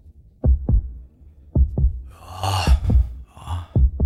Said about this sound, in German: Bei denen ist jetzt der Herzschlag noch entspannt, nicht? Also so.